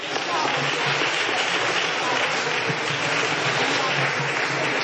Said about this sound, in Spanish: ¿Sabe qué? Dese un fuerte aplauso para ustedes, por favor.